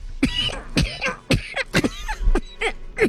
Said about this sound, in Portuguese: Sua tosse está menos carregada, né?